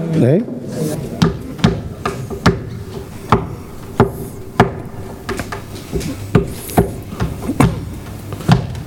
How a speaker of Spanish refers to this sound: Y a la puerta llama. Ay, no sé quién será.